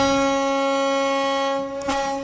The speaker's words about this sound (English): So that is a very committed foghorn from one of our local ferries.